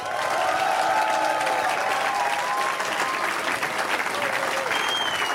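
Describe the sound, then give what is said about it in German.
Loud, steady applause from a large crowd as the band comes onto the stage, dense clapping filling the whole clip with some cheering and whistles rising above it. “eins ist klar, die Band, die ihr hören wollt, und das könnt ihr gleich mit eurem Applaus auch beweisen, wenn sie auf die Bühne kommen und es ist eine Latte an Leuten, das dauert also eine Weile, bis sie hier sind, ist …!”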